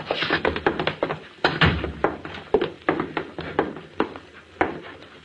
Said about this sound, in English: It was going on 8:30 when the door opened, and Frank Bissell stepped out, his boys following after him.